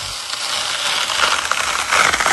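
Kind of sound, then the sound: food or drink, juicy watermelon being cut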